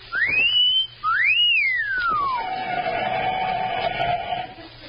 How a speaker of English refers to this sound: No, I was just whistling to entertain myself.